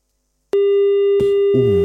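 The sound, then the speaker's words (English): A loud, steady telephone busy tone sounds abruptly after a dropped call and a moment of silence and holds on, with a burst of noise and then a voice coming in over it near the end. “We lost you on the line.”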